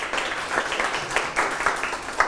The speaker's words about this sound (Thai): ตอบดีปรบมือให้